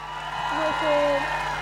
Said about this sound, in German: Und ein Applaus für